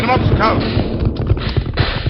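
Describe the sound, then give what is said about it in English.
The Lone Ranger's horse Silver and Tonto's paint horse gallop across a valley at a rapid, steady beat, their hoofbeats loud in a dense, busy mix with other sounds layered over them. “The Lone Ranger raced across the valley with Tonto close behind.”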